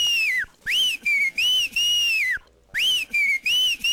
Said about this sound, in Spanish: Póngame tres chiflidos para mí, para despertar. Ando todavía dormido.